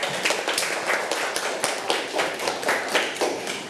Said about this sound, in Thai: คุณครูขอให้ปรบมือให้ตัวเองค่ะเก่งมากค่ะเด็กๆปรบมือให้เพื่อนด้วยลูก